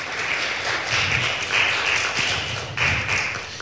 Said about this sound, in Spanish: Dele un fuerte aplauso una vez más al Rey de Reyes y Señor de Señores. Amén.